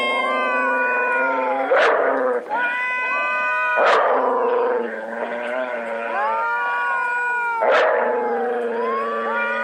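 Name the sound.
dog howling and yipping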